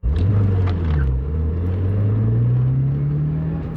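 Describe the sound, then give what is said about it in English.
A silver sedan's engine roars loudly and steadily as it speeds through a multi-story parking lot while being chased, its pitch climbing gradually as it accelerates, with a deep rumble underneath and no voices. “A silver sedan screams through a multi-story parking lot.”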